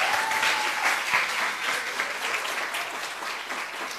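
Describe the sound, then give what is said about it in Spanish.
An audience claps steadily throughout, a dense, even wash of many hands with no pauses and no voices standing out. The applause marks the start of the Garza Play. “Un aplauso, por favor.”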